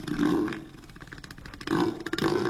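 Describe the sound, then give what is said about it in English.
Neil the Seal, a one-ton southern elephant seal at Seven Mile Beach near Hobart, lets out deep, throaty grunts in three loud bursts, with a low rattling pulse in between, like a sputtering engine. No one speaks. “the one-ton southern elephant seal became an internet sensation during his latest stay at Seven Mile Beach near Hobart”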